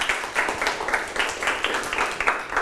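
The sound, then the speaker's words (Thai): A group of students clapping together in a classroom, a steady patter of many overlapping hand claps at moderate loudness, lasting a few seconds without any talking. “นั่งลงปรบมือให้”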